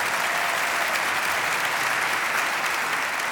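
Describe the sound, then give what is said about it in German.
Steady, dense applause from a large audience for the WDR Funkhausorchester conducted by Enrico Delambois, many hands clapping at once in a continuous wash of sound that holds at an even level throughout, with no voices standing out. “Bitte noch einmal einen großen Applaus für das WDR Funkhausorchester unter Leitung von Enrico Delambois.”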